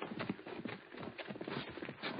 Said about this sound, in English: Hold it. Hmm? Listen a minute. Someone coming. Yeah, hear a horse.